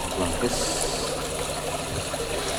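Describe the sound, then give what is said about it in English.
Water being poured into little polystyrene cups to be shared out, each person in turn receiving a share, a steady trickling splash that runs continuously at moderate volume, with a faint murmur of people in the background. “And now everyone is sharing in the water. It's poured out into little polystyrene cups.”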